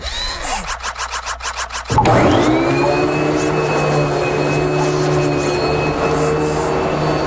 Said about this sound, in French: Est-ce que vous avez ça à la maison, ces petits robots aspirateurs qui s'occupent du ménage pendant que vous êtes absent? Vous avez ça?